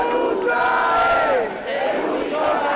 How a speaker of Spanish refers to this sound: los gritos de indignación, frustración y enfado a la vez no cesan una vez más.